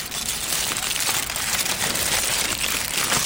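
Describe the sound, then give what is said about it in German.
Steady crinkling of a chocolate foil wrapper, a dense, bright rustle that continues without pause for a few seconds, with no voices. “Sie wirft das Papier auf die Straße.”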